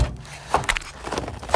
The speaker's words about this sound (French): Dans la cuisine, j'ouvre la porte du frigo.